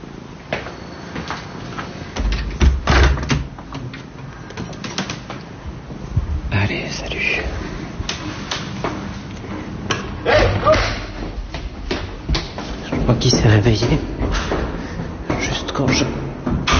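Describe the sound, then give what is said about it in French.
In a radio fiction made for Arte Radio, a heavy door slams shut with a loud, deep thud early on, followed by scattered knocks and clatters while people talk throughout. “J'ai claqué la porte.”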